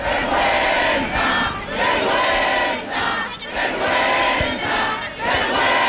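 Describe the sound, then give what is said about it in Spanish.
A large protest crowd, angry after a parliamentary vote, shouts "vergüenza" (shame) together in loud waves, voices surging and dipping in rhythmic bursts of chanting and yelling over a constant roar of many people. “Gritaban vergüenza y una de las portavoces, cabreada, ha tomado la palabra para pedir que la movilización, que la acampada sigan, y llamando a una huelga general.”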